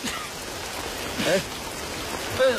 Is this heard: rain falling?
yes